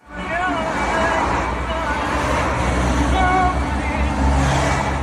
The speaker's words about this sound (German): Autos rauschen an ihrem kleinen weißen Kastenwagen in Salé vorbei, auf dem Weg in Marokkos Hauptstadt Rabat.